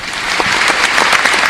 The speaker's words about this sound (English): And another applause for Prime Minister Brown.